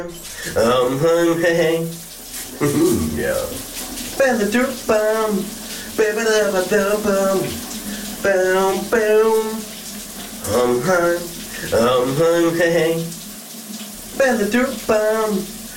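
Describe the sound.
A steady hiss of running shower water continues throughout while a man sings a melodic tune over it in phrases, his voice louder than the water.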